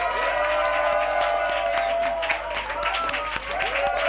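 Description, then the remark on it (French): A crowd cheers and applauds loudly and continuously at a donation ceremony, offering acclamation to the Almighty, a dense wash of shouts, whoops and clapping that fills the space without pause, with a few voices rising above the roar. “Avant tout propos, je vous demande humblement d'offrir une offrande d'acclamation au Tout-Puissant.”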